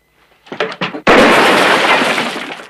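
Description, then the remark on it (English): A couple of quick rustling knocks, then a sudden loud gunshot as a water jar hanging from a roof beam shatters, its broad crashing spray of breaking pieces and splashing ringing on and slowly fading. “Valance shoots a water jar that hangs from the roof beam close to Rance's head.”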